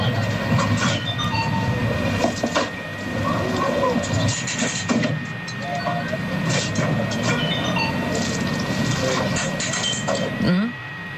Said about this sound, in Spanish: un dispensador de comida, estas máquinas de vending, que está pagando con monedas.